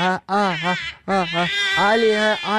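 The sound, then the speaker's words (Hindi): A young child wails loudly and continuously at home, in long strained cries broken by brief gasps for breath, while the father is on a phone call. “ये मेरा एक्चुअली बच्चा बहुत रो रहा है”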